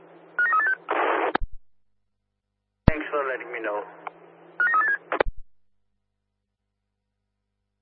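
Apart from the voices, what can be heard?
telephone dialing tones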